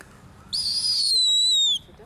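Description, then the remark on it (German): A young bird of prey, holding a mouse in its beak, gives a single drawn-out, high thin peep, wavering then sliding slightly downward, clear against a quiet background. “Guck mal, kann sogar noch piepen, obwohl er eine Maus in Schnabel hat.”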